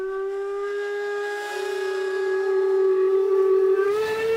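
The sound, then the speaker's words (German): Steam locomotive whistles blow together in one long, loud, sustained chord with a breathy hiss, the pitch rising slightly near the end, sounding the start signal of the three-day Heizhausfest at the Schauplatz Eisenbahn railway museum in Chemnitz-Hilbersdorf, Germany. No voices are heard. “Das große Anpfeifen, Startsignal für das dreitägige Heizhausfest.”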